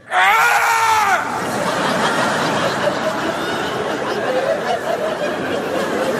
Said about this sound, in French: Une fois que je me sens prêt. Prêt. Là, je crie, comme ça, je fais...